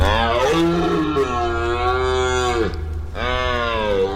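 A red deer stag bellows during the rut in two long, loud, groaning roars, the second following after a brief breath, with no voices present; captured by Eden Productions' fixed cameras filming a corner of forest.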